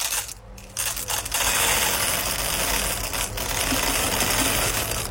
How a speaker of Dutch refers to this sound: Het vullen van de koffiemolen. Ah ja, die hoorde ik er wel in hoor. Overduidelijk. Ja, ja. Ja, het had ook M&M's kunnen zijn. Of hagelslag, maar toen dacht ik, nee, maar dan is het wel van grote hoogte ingegoten. Koffiebonen, check.